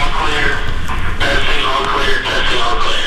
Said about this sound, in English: Metro Health's new outpatient center wasn't quite finished when I toured a few weeks ago. Construction crews were testing the intercom system when we arrived.